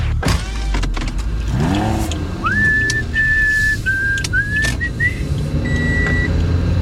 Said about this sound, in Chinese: 我知道，用口哨吹警广的台呼。